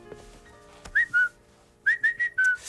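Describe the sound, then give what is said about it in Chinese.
A person whistles a cuckoo call: a clear two-note falling phrase, then, after a short pause, a quicker run of four bright whistled notes, the last one falling. No talking. “这不就布谷鸟吗？”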